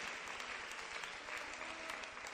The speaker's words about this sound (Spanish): Démosle un fuerte aplauso al Señor en este día, pero démoselo con todo, pero con todo el corazón.